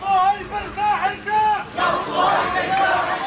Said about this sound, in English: That is the sound of a funeral procession moving through Gaza City today.